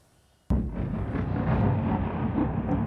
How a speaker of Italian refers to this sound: Improvvisi lampi di luce squarciano il cielo di Kiev, seguiti dal boato delle esplosioni mentre alte colonne di fumo sovrastano lo skyline della capitale. Una nuova e violenta ondata di attacchi russi colpisce il paese.